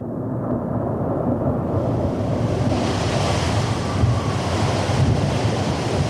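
Heavy sea surf rolls and crashes continuously in a storm under a steady roar of gusting wind, loud, with no voices present.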